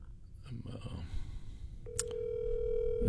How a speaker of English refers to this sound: I'm calling Tony. I see if I can get him on the phone here this morning.